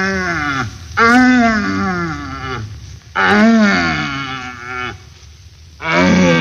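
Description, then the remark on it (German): Red deer stags in rut, weak, medium and very strong searching stags heard in a forest on the way to a rutting ground, grunt ('Knörren') and roar in three long, drawn-out calls, each a loud, harmonic bellow rising and falling in pitch, separated by brief pauses, with no talking. “Wir pirschen mit einem Jäger durch den Wald zu einem ihm wohlbekannten Brunftplatze und hören auf dem Wege dorthin nacheinander schwache, mittelstarke und ganz starke suchende Hirsche, deren Verlauten man auch Knörren nennt.”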